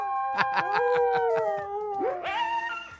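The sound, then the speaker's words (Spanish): A pack of dogs howl together in long, wavering tones that overlap and rise in pitch, with a quick series of sharp yips or barks punctuating the first half, loud. “¡No más, qué perrerio!”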